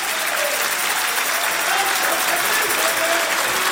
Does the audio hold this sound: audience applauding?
yes